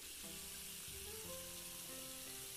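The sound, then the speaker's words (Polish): Water pours steadily into a large pot that needs 6 litres, a continuous rushing hiss with hollow ringing tones that shift in pitch as it fills. Fairly loud, with no talking. “Także wkładamy garnek i lejemy. Potrzebujemy 6 litrów, okej.”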